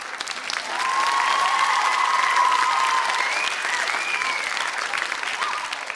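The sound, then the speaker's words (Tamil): Loud, dense applause from a crowd swells in within the first second and holds steady for several seconds of continuous clapping, with no one speaking over it, given for everyone who answered a quiz correctly. “கரெக்டான ஆன்சர் சொன்னவங்க எல்லாருக்கும் இந்தாங்க பிடிங்க பலத்த கைத்தட்டல்.”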